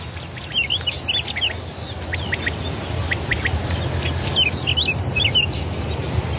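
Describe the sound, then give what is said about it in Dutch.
Several birds, a whinchat, a quail, a skylark and a cuckoo, sing their morning song in an open landscape at the Vochtelauerveen bog in the Netherlands, bright chirping phrases and short whistled calls coming in bursts over a steady low rumble of outdoor background noise. “Ze neemt ons mee naar het Vochtelauerveen met de ochtendzang van het paapje, de kwartel, de veldleverik en de koekoek.”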